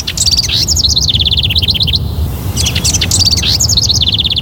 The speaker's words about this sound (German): Eine neue Studie hat gezeigt, Vogelgezwitscher erzeugt Glücksgefühle und entspannt.